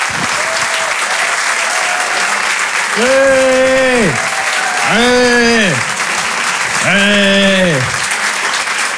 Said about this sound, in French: Retenez bien son nom, je vous demande de l'applaudir très très fort lui aussi.